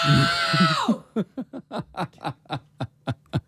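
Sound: very loud shout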